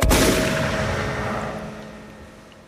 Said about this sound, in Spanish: Astor sacó la carabina, la cargó y empezó a disparar tiros al aire